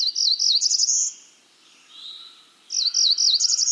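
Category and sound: bird, warbler song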